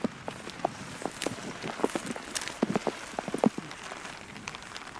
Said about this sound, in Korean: 이것도 옷에서 나는 이 빗소리가 있잖아요. 뭐 음악 감상하러 안 가도 되잖아. 뭐 이렇게 그냥 이렇게 성악은 아니더라도 이 소리에 또 이제 취해갖고